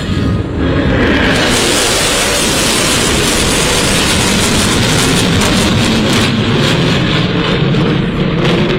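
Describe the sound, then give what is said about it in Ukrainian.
US B-1 Lancer strategic bombers, capable of up to 1,500 km/h, fly overhead in a flyover show staged by Trump, with a loud, sustained roar. The dense rumble holds steady for the entire stretch, with no voices. “Такі можуть розганятися до 1500 кілометрів на годину і є ключовим елементом ядерної тріади США.”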